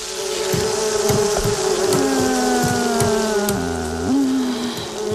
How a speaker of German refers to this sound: Die Wespen, ja, die haben richtig Bock auf Stress. Ja. Die sind gerade. Die sind gerade ultra aggro.